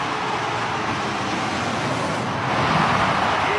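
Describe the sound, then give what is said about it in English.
A steady, loud roar of planes in a flyover above a stadium in Cape Town before a Springboks against All Blacks game, a dense rushing rumble that holds evenly and then swells slightly louder toward the end, with no voices. “As you can see the planes, the flyover coming in.”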